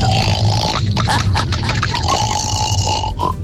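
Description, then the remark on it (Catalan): A caller's father imitates a pig in a phone-in game where callers must imitate an animal, with a loud, sustained run of rough, nasal grunts and snorts lasting about three seconds, with no words spoken. “avui el papo es farà el porc.”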